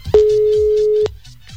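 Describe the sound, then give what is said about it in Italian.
A single steady electronic WhatsApp voice call ringback tone sounds loudly for about a second, then cuts off abruptly, leaving only faint background noise. “Avvia chiamata vocale con Marco Roma saluto.”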